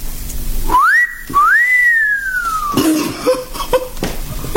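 A man gives a loud admiring whistle in two parts: a short rising note, then a longer note that swoops up and glides slowly down, followed by a few faint scuffles.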